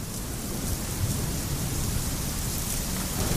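Steady rain pours down in a continuous, dense hiss with a low rumbling undertone, fairly loud, with no voices present.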